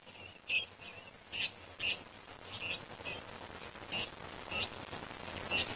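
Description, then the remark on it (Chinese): Cape parrots call as a flock in the evening as the weather cools and they return from the town to their home on the mountain, repeating harsh, high-pitched squawks at an irregular pace over a steady hiss of background noise. The calls overlap a little, and no one speaks. “傍晚天气转凉，鹦鹉该返回他们在山上的家园了。”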